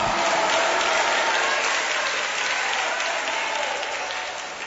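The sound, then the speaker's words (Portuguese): An audience applauds the Lord with joy, a dense, even wash of many hands clapping that holds loud throughout and tapers slightly toward the end, with no clear voices above it. “Coloca um glória a Deus no meio destes aplausos.”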